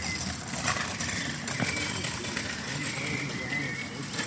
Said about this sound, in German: Scheiß Roller. Ich bin gespannt, wie viel man von den Atmosphärengeräuschen hier. Frage ich mich ja auch, ey. Das ist ein scheiß Roller, ey.